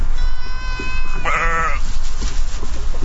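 Goats and sheep bleat, one long wavering cry rising over a noisy outdoor background of many animals, with more bleats from a flock of goats and hundreds of sheep grazing away invasive plants and dry grass in a Sierra Resource Conservation District project.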